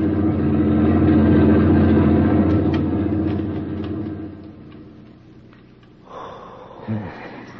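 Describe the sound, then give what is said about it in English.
A heavy German army lorry rumbles loudly past on a highway, its deep engine roar gradually fading as it moves away, leaving a near-quiet stretch with a few faint small noises. “A German army lorry rumbled by while we squatted behind the hedgerow and held our breath.”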